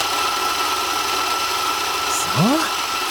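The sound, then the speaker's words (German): An electric kitchen mixer mixing cocoa and eggs runs with a steady, loud whirring drone, and near the end its motor briefly whines upward in pitch as the speed rises. “Gibst du mir mal Kakao, Eier und Mixer rüber?”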